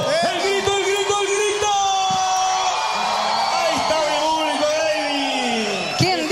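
A crowd in Punta Arenas, Magallanes applauds and cheers loudly and steadily for several seconds for a visiting charros music group, with high whoops, yells and shouts rising over a dense wash of clapping.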